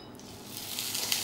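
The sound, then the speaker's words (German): Redfish fillets, drizzled with lemon juice, sizzle in a frying pan and are turned, a steady bright hiss flecked with small crackles that swells a little louder partway through, with no voices. “Und zisch, da wird doch der Fisch in der Pfanne verrückt, kommen die Filets in dieselbe.”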